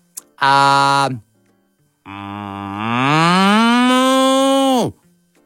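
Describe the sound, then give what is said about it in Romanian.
A person imitates a cow with two loud, drawn-out moos: a short one first, then after a pause a long, rising, sustained moo that ends abruptly. “Vaca.”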